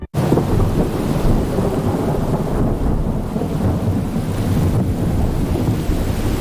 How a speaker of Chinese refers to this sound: 雨季即将到来，狮子们也将面临一系列新的挑战。卡勒感受到了季节的变化，空中电闪雷鸣，一场大雨。